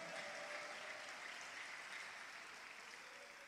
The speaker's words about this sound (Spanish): ¿Puede darle un fuerte aplauso a Cristo?